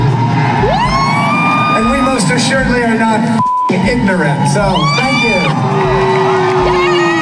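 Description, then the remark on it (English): A large crowd loudly boos and jeers, with drawn-out vocal tones, scattered whoops and rising shouts piling over one another continuously, broken only by a brief cut near the middle. “The crowd then started booing even harder.”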